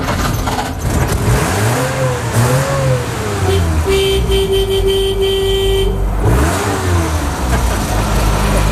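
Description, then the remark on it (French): An old truck that once belonged to the driver's grandfather revs loudly and pulls away during a vineyard safari in Saint-Saturnin, Charente, France. Its pitch rises and falls, with a long steady horn blast in the middle; no one speaks. “aussi participer comme ça avec ce safari pour découvrir les vignes avec Frédéric qui part avec son joli camion qui était à son grand-père.”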